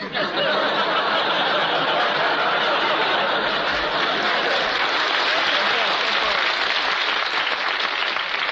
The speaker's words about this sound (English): Please, there's two ways to take that applause, you know.